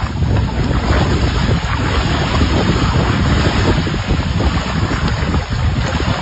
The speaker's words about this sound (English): I have shared a post from the Lake Diefenbaker Tourism Group, along with the Water Security Agency at Lake Diefenbaker, with video of the water flowing. The Gardiner Dam spillway opening up yesterday.